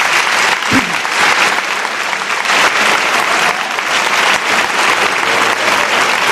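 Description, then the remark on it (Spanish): An audience claps steadily and loudly for several seconds, a dense, even wash of applause with no voices standing out. “Os pido un aplauso para este hombre.”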